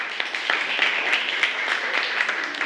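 A group of students in a classroom applauds a classmate steadily, a dense patter of many hands clapping at once with scattered sharper claps standing out, moderately loud and sustained without any talking over it.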